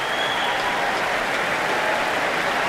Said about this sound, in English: And the applause soars for Louise Alder, coming back on stage for another bow, waving.